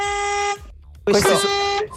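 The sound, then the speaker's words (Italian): An old car horn honks twice: a steady, buzzy, reedy tone for half a second, a short pause, then a louder, harsher blast with a voice briefly overlapping it. “Questa è una macchina un po' vecchia.”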